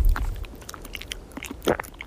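Someone chews a crunchy snack outdoors in Brittany on a windy day, with a string of short, crisp bites and mouth clicks scattered irregularly over a low rumble of wind, no talking.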